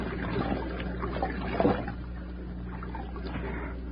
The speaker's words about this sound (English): The stream, all right. Let me get one drink.